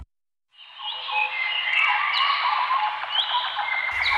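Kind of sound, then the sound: bird, birdsong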